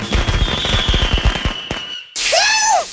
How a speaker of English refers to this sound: Let Guerrilla Fireworks light up the sky on your 4th of July.